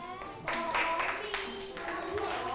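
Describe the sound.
A group of children break into a burst of clapping, a dense, steady patter of many hands that starts abruptly and keeps going, with a voice faintly audible underneath at the start.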